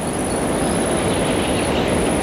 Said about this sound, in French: Le son aigu de l'insecte